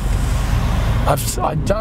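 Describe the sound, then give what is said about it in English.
A tradesman's vehicle with a deep, throaty exhaust rumbles loudly and steadily as it drives past, with a person starting to talk over the tail end of the noise. “What is it about people that want their exhaust systems to sound really loud?”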